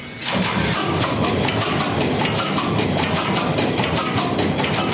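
A large ship's engine in Brunsbüttel is started with air from a compressed-air bottle, after the cooling water is opened and the oil pre-pumped: a sudden loud blast of hissing air, then a steady, rhythmic chugging roar that continues without pause.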